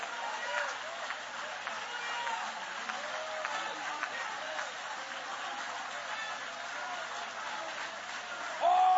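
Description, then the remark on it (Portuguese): A church audience claps steadily in a dense, continuous patter during a minute of praise to God, mixed with many voices calling out and murmuring praise together, at a moderate level throughout. “Palmas, glórias, aleluia.”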